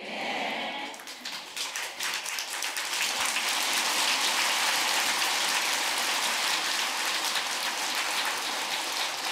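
An audience at a Buddhist dharma talk breaks into applause, the clapping swelling quickly after a brief quiet start into a dense, steady patter that stays loud and unbroken to the end, with no voices.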